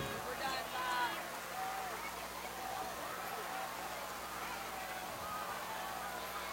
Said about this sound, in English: As the rain really comes down now.